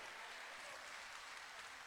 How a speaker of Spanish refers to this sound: Más fuerte el aplauso